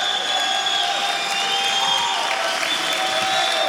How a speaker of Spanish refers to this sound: Gracias por la risa, por el aplauso. Amén.